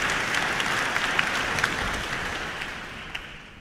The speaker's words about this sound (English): And that applause for Executive Director of the competition